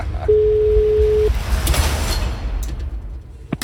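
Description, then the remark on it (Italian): A single steady ringback tone sounds for about a second, like an outgoing phone call ringing on the line, over a constant noisy rumble that continues after the tone stops. “Ce 5 gli squilli.”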